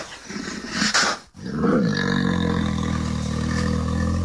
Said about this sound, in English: That is so scary. Grizzly bears, they live around North America and Canada.